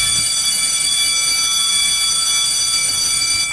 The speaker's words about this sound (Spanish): Le dieron el timbre y aquí comienza.